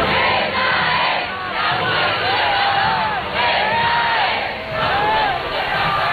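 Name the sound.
crowd applauding and shouting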